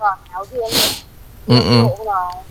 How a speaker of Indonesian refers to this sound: kamu batuk lagi kang kamu batuk